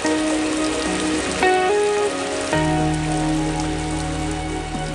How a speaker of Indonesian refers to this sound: kenapa hujan ini begitu deras?